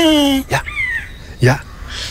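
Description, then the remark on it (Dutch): A Eurasian jay mimics a buzzard's mewing call: a clear, drawn-out downward mew, followed by two harsh, raspy screeches and a thinner falling whistle, fairly loud. “Dat is dus een Vlaamse gaai die een buizerd nadoet.”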